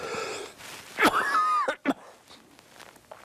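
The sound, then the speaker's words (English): A sharp cough bursts out, followed by a raspy, wheezing breath with a whistling tone and two more short, hacking coughs, then quiet. “I told you I was going to cough.”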